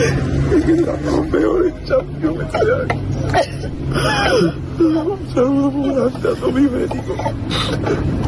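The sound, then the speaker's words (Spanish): Footballer Pablo García sobs inconsolably as he leaves Betis, his voice breaking into wavering, drawn-out whimpers and choked cries that continue without pause over a low, steady background hum. “Roto absolutamente, Pablo García, con esas lágrimas y llorando, vamos, y desconsoladamente el chaval.”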